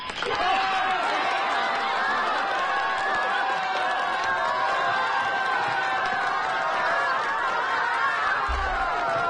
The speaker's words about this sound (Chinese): 欢迎参加紫云英音乐会，同学们、老师们、父老乡亲们，让我们用最热烈的掌声和欢呼欢迎我们的紫云英合唱团走进盛开的花田。